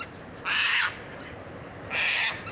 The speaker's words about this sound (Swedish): Två korta skrapiga skrän bara och sen var den borta. Denna rödlistade tärna som man jobbar hårt både i Sverige och Finland med att hjälpa genom olika naturvårdsinsatser. Skräntärna alltså.